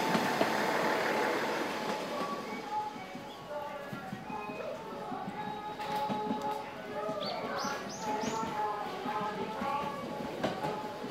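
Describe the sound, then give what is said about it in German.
A Thunderbird express train with a pointed, aerodynamic nose, coming from Kanazawa, pulls into a two-track station on the Noto Peninsula with a steady rumble and faint squealing brake tones, while birds chirp high above and indistinct voices murmur in the background. “Wieder kommt ein Thunderbird aus Kanazawa angefahren.”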